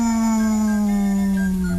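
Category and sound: animal, dog howling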